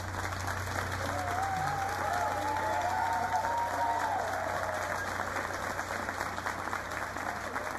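Sustained applause from a large audience, a dense steady wash of clapping that holds at an even level throughout, with a faint murmur and a brief tonal whistle-like sound early on. The audience is applauding the director of the Calamuchita choir of Bilbao after a misa criolla with Jairo.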